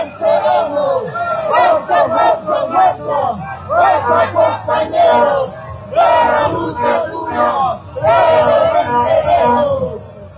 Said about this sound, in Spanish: Gracias, de esa manera está avanzando la marcha con ese grito revolucionario. Escuchamos.